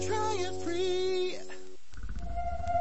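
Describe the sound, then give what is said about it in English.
Whale calls sound as long, gliding moans with rich overtones, rising and bending for over a second, then give way to a low rumbling hum and a steady high tone. “Scientists are using AI to study how whales talk to each other.”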